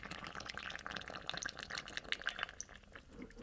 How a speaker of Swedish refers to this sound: För vi ska nämligen hälla på vatten. Helt vanligt kranvatten. Ja. Vi ser här. Kan man till och med höra.